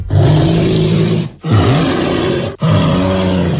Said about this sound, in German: Also wenn man in einer ähnlichen Lage sein sollte, ein Bär klingt so.